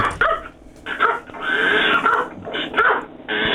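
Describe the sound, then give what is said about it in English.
Several dogs bark and yelp over one another in a loud, nearly continuous chorus, with short gaps between bursts and no one talking. “Dogs are barking, I can't hear a thing.”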